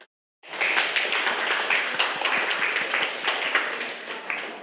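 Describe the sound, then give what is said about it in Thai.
A group of students in a lesson bursts into applause to thank the makers of an educational video, after a brief silence, many hands clapping at once in a dense, steady patter that stays fairly loud for several seconds. “ค่ะนักเรียนคะเดี๋ยวเรามาขอบคุณสื่อวิดีทัศน์ดีๆเพื่อการศึกษาในวันนี้กันนะคะให้นักเรียนปรบมือขอบคุณนะคะเจ้าของสื่อนะคะ”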